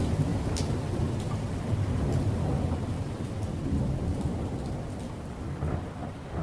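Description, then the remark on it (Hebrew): Heavy, steady torrential rain pours down onto a ship's deck in a dense, continuous wash, with deep rumbling thunder rolling underneath throughout. No voices, just the sustained roar of a storm. “בעוד 8 דקות מגיע מבול רציני, הייתי מדווח להם באמצעות רשת הקשר הפנימית של הספינה, ומצחקק לעצמי ברשעות, כשבדיוק 8 דקות לאחר מכן הריה שוטף את הסיפון גשם זלעפות, ומרטיב אותם עד התחתונים.”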